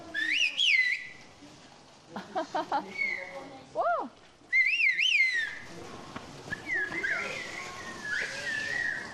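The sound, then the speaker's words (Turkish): Loud, sweeping whistled-language calls trade back and forth in bursts from one side to the other, one piercing, a reply fainter, with rising and falling melodic glides like spoken phrases, and brief Turkish voices between. “Buradan oraya karşılıklı ıslık yapacağız.”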